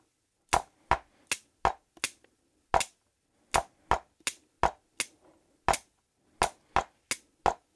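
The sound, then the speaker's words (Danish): Sharp, dry drum strikes hit with sticks in an uneven, syncopated pattern, played to demonstrate syncopation against a steady beat: about seventeen crisp hits with short pauses that push some beats off the steady pulse. No voices. “For eksempel sådan, der var en lille synkope.”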